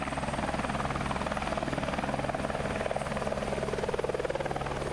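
A helicopter giving sightseeing flights at an event roars, its rotor blades chopping in a rapid, steady pulse over a deep engine drone that stays loud throughout.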